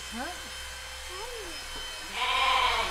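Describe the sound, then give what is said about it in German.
A lamb named Bernadette, an orphan being raised on a bottle, bleats several times: two short, wavering cries followed by a longer, louder bleat, all over a steady mechanical buzzing hum in the background. “Kommt die von dem Schaf, was als erstes geschoren wurde?”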